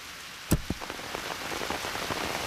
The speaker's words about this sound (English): It's raining! I don't want to get wet.